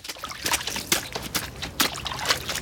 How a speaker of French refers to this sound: traverse la flaque en traînant ses bottes en caoutchouc dedans.